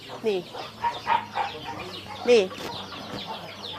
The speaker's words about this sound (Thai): นี่ตอนนี้เป็นการเลี้ยงแบบผสมผสานนะเมื่อกี้ในนี้ก็มีไก่อยู่ด้วยนะคุณผู้ชมนะมีไก่อยู่ในฟางนะเป็นหญ้าแห้งนะคะ